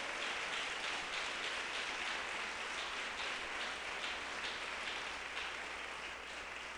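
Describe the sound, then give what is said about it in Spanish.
An audience applauds the Lord, God of the heavens, together in a steady, dense wash of clapping that holds at an even level for several seconds, with no voices rising above it. “Démosle un aplauso al Señor, Dios de los cielos.”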